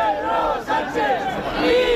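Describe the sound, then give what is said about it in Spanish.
A crowd at the 12 October parade in central Madrid boos and shouts insults at Spanish Prime Minister Pedro Sánchez, many voices overlapping in a loud, continuous jeering roar with one brief dip before it swells again. “Abucheos y estos insultos contra Pedro Sánchez”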